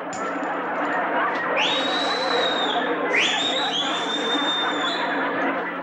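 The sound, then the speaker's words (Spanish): Two shrill whistles aimed at the umpire over a bad call, each sliding upward and then holding a high note, cut through a steady hubbub of crowd chatter and murmuring voices. “¿A quién le chiflaste?”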